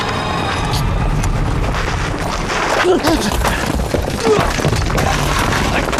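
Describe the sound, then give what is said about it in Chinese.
Rocks are thrown and smash continuously amid a dense, chaotic clatter of impacts and thuds, loud, with a confused background roar like a battle in progress. “哎，这满人遍野都是石头，就来拿石头砸他狗日的！”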